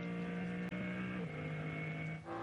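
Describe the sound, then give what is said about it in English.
A BMW M3 Touring racing car running what is effectively the BMW M4 GT3 turbocharged engine drones steadily at high revs in chilly conditions. Its pitch holds, then dips slightly as it lifts off into a yellow flag zone and pulls again. Loud, with no talking. “Listening in to what is effectively still the BMW M4 GT3 turbocharged engine.”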